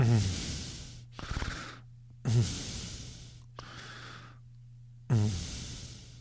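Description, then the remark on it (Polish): Heavy, loud panting: about five long, rasping breaths in a steady rhythm, some starting with a throaty voiced catch, with a faint low hum underneath and no talking. “To tak dyszy, kurwa, człowieku.”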